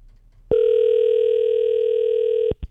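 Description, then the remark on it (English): A loud, steady telephone dial tone hums unbroken for about two seconds as a phone call is placed, then cuts off abruptly, followed by a brief click. “Let's make the phone call and make another person happy today.”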